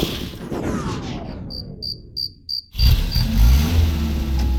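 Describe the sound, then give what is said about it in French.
A just-repaired car engine turns over and starts running with a steady low rumble, after a few bright insect-like chirps in a brief lull. No one speaks. “Bon, je crois que la voiture de ton papa est réparée.”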